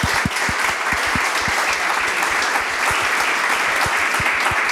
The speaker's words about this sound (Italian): Io vorrei fare un grande applauso a loro.